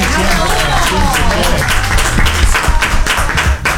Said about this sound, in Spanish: El aplauso grande para la CIE, decía.